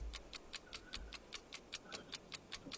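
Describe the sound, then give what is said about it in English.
A game-show countdown clock for a 60-second quiz round ticks in a fast, even rhythm, about five crisp ticks per second, moderately loud and steady with no voices over it. “60 seconds are on the clock.”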